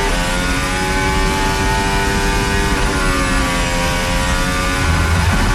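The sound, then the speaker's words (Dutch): Max Verstappen's Formula 1 car, during a Q3 qualifying session, screams loudly and continuously, its high, buzzing engine whine dipping briefly in pitch before climbing again as it revs on. No one speaks. “Om het geluid van Verstappen.”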